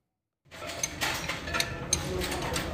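Metallic clinks and tool knocks from car repair work ring out at irregular intervals over a steady low mechanical rumble, a few sharper taps standing out. No one speaks.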